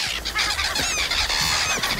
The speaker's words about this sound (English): Seagulls can give you an awful fright.